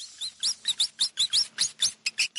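A rapid series of about a dozen shrill, high-pitched squeaks from a rat, fairly loud, repeating in a quick uneven rhythm, with no voices.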